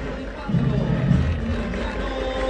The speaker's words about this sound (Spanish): A Sánchez en la pantalla, pero la voz del estadio lo nombra el Mudo Vázquez. El aplauso para el Mudo, que el otro día la rompió.